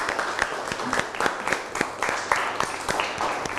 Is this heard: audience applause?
yes